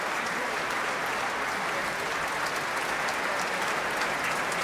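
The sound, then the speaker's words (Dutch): Steady, dense applause from a large concert audience fills the hall after a performance of the Deutsches Requiem conducted by Risto Joost with soloists, orchestra and choir, many hands clapping continuously at an even intensity, with no single shout standing out clearly above it. “Ja, dat kan nog even rekenen op een luide bravo van een fan uit de zaal.”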